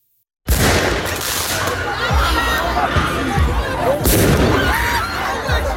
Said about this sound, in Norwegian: Slik har det sett ut i flere franske byer den siste tiden. Med fyrverkeri mot politiet, branner i gatene og elever som løper fra tåregass.